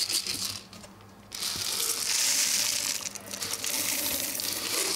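Dry oat flakes pour and patter into a hollow feeder toy for pigs, a continuous rustling, crackling hiss with a brief lull early on, then steady granular pattering for several seconds, no voices.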